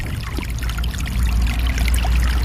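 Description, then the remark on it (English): A small snowmelt-fed brook running through a meadow burbles and trickles steadily, its running water a continuous bright babble with no voices present. “All through these little meadows, in every little swale, it seems like, is a small brook fed by snowmelt and running spring, summer, and into the fall.”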